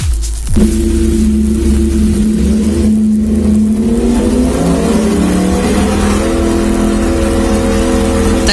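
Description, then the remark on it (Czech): A Yamaha YZF-R1 sport motorcycle engine roars, starting with a sharp burst and then holding a loud, steady rev with a strong harmonic whine that rises slightly and continues throughout, with no talking. “Tahle motorka by se měla objevit i na velkém závodě 300 zatáček Gustava Havla v Hořicích”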